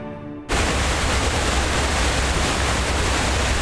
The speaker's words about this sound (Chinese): 东越边境水砸出来的地方，得天瀑布日夜轰鸣，